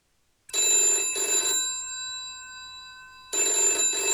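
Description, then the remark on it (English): A loud telephone bell rings in a quick double burst, its metallic tone lingering and fading before the next ring starts, as an IRA member places a call to O'Hegarty's headquarters at 9 a.m. in the final days of March. No one speaks. “A phone call is placed by an IRA member to O'Hegarty's headquarters.”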